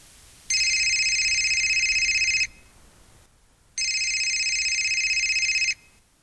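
A telephone rings twice, each shrill, steady electronic trill lasting about two seconds with a short pause between, loud against faint background hiss, with no one talking.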